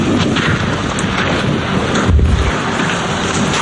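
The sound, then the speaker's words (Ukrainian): A single deep, muffled explosion booms nearby partway through, rising briefly out of a constant rush of wind buffeting the microphone outdoors at a deserted resort during an air-raid alert. “Поряд грюхкає, бахкає. Але вона каже, вже звикла до вибухів.”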